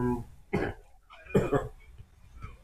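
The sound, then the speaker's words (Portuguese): Two harsh, forceful coughs about a second apart, followed by softer throaty rasping sounds and a faint trailing cough. “Tá tossindo muito?”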